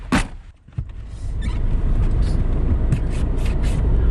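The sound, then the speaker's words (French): A couple of brief thumps, like a car door shutting, give way to a steady low engine rumble and road noise from inside a moving car, driven by a woman after a pickup at the train station, with faint intermittent clicks above. “vous êtes venue me chercher à la gare et on est maintenant dans votre voiture.”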